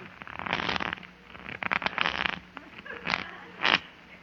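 A deck of playing cards is shuffled for a card game among several men in several quick, papery riffling bursts, with short pauses between them and no voices.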